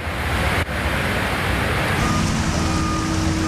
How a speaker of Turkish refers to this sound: Samsun'un Havza ilçesinde sağanak sonrası dereler taştı. Cadde ve sokaklar göle döndü. Şiddetli akan su araçları sürükledi, yayalar sele kapılmamak için mücadele etti.